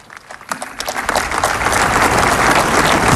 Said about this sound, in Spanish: Aplausos de toda la plaza, que permanece atenta a las últimas palabras y hermanos del discurso.